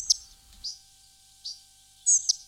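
Thin, high spotted flycatcher calls, four or five short squeaky notes spaced irregularly, a couple of them sharper and louder, with no voices over them.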